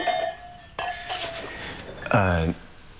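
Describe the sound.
Glasses clink together in a toast at a celebration of a new home, a couple of bright ringing taps with a short tinkling decay, followed by a brief voiced exclamation near the end.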